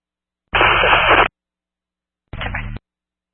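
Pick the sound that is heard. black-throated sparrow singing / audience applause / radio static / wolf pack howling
radio static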